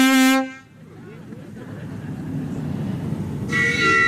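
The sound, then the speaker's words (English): The whistle of a replica 1890s Gentleman's Pleasure Steam Launch, in a boat parade on Rotoiti, gives a short, rich, reedy blast, then a steady low engine rumble churns along before a second, brighter and higher-pitched whistle toot cuts in at the end. “That's a good whistle.”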